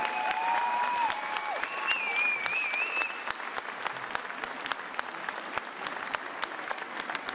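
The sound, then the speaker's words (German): A crowd claps steadily for several seconds for the dancers of SG Sperrung, a dense wash of handclaps. Early on, thin whistling tones glide over the applause, then the clapping continues alone at an even level. “Vielleicht verjagen wir die Wichte mit einem großen Applaus für die Tänzerinnen für die SG Sperrung.”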